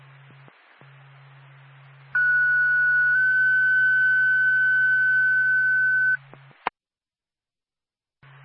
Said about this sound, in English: NORPAC, Groveton Ambulance, stand by for tone.